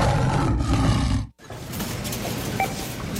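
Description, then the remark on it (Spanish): A loud tiger roar sound effect in a supermarket sale advertisement rumbles deeply for over a second, breaks off in a brief silence, then a rougher, sustained growling rumble follows. No one speaks. “3 tigres, 3 días salvajes para ahorrar. Ven al super baratón del tigre de Champañat, Santiago y Avenida Santander. ¡Llegó el tigre!”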